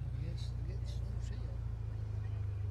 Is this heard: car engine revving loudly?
yes